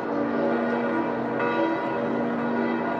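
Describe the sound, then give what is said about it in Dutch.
The bells of the campanile of St. Peter's Basilica peal continuously, their rich overlapping tones ringing out steadily and loudly with a dense, sustained resonance and no speech. “We horen de klokken van de campanile van de Sint-Pietersbasiliek.”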